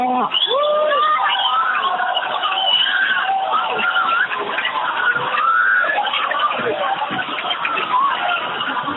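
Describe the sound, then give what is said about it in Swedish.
A large crowd cheers continuously during a total solar eclipse as the moon fully covers the sun and the sky goes dark, with many people whistling over the roar. Sharp rising and falling whistles keep popping out of the dense, steady din of voices. “Jag hör jublet i bakgrunden och människor som visslar.”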